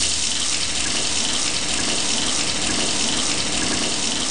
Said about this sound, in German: Moment, erstmal eine kalte Dusche.